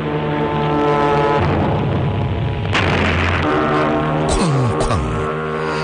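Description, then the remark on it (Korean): Heavy bombs dropped by low-flying enemy aircraft blast beside a pontoon bridge, throwing tall columns of water up on both sides, booming over a dense, roaring rumble, with a sharp burst midway and falling whistling tones near the end, loud and chaotic throughout. “귀청을 찢는 소리가 들리더니 부교 양쪽으로 높다란 물기둥이 치솟았다.”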